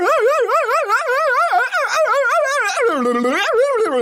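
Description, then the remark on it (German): A voice yodels during a timed challenge in rapid wavering bursts, the pitch flipping up and down continuously for about four seconds, so choppy and yelping that it resembles a dog barking. “Das war jetzt aber eher Gebelle. Ich weiß, klang wie ein Hund.”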